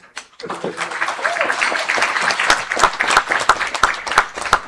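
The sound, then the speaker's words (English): An audience breaks into a round of applause welcoming a dance presentation by a dance group, a dense patter of many hands clapping steadily at moderate loudness, with a few sharper individual claps standing out and faint crowd murmur underneath. “That round of applause don't sound like a Guyanese round of applause.”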